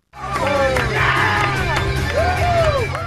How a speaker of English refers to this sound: There were cheers, chants, and a sea of red, white, and blue at the LA Galaxy Park watch party as fans celebrated a well-deserved victory.